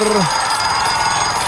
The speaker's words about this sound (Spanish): Comenzamos el momento de levantarnos en la mañana porque suena el despertador.